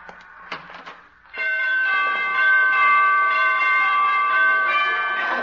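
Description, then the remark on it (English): A few faint clicks, then a loud, sustained ringing of bright door chimes sounding several pitches at once, the tones overlapping and lingering steadily for several seconds with no talking. “She must have borrowed those door chimes from Carmen Miranda.”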